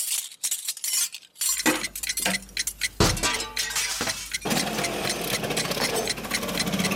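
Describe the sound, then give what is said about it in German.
Metal cutlery clatters and clinks together in a busy jumble of sharp, bright knocks, with a low mechanical hum joining partway through and continuing under the rattling. “Und dann legt man die Dinger da normalerweise, also links und rechts vom Teller hin.”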